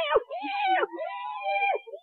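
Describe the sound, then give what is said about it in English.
A cat meows outdoors on a dark night in a long, wavering cry that rises and falls in pitch several times over about two seconds, fairly loud, with no talking over it. “Hello, kitty. Hey, kitty.”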